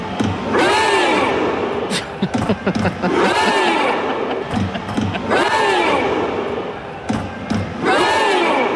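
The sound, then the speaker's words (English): A crowd on the sunny coast, rowing together in a big Viking row for Norway, chants a Viking rowing chant in loud unison, a drawn-out shouted call repeating steadily about every two and a half seconds, with a sharp hit or stomp marking each stroke. “We're all rowing together. We're doing a big Viking row for Norway.”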